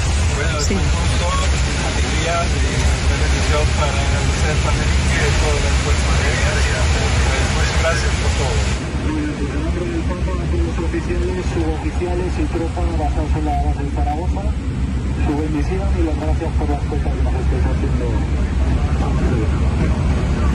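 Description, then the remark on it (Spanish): A constant, loud engine roar fills an aircraft cockpit while muffled, radio-like voices talk over it throughout, a conversation between Pope Leo XIV and the flight crew in the cockpit; the noise shifts slightly in tone partway through but never lets up. “Bueno, se oye un poco reguleras, pero normal, es cosa de los aviones.”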